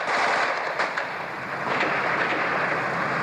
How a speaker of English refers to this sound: As I speak, the gun turret of a Soviet combat tank is sweeping backwards and forwards above my head. You can probably hear the crack of automatic weapon fire from the armored vehicles.